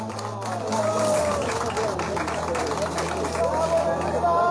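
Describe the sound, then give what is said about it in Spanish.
A crowd applauds steadily for several seconds for an official who took part in a 10K race, a dense patter of many hands clapping at once, with some voices and murmur mixed in underneath. “Mil felicidades, fuerte el aplauso, por favor.”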